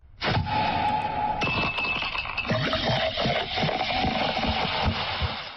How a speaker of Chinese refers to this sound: 这个声音大家听出来什么声音了吧？啊，这个冰块儿还有吨吨吨吨呢